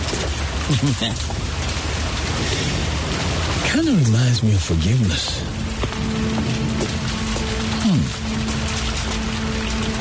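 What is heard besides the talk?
rain falling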